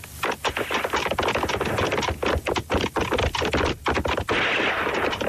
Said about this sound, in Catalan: El que sentiu són canonades.